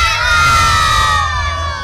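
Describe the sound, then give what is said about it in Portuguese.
A large group of children at an arena shouts the team chant "Galo!" together in unison, one loud, sustained cry held for about two seconds, energetic like a cheering crowd. “Se a criançada estiver feliz, vai gritar Galo.”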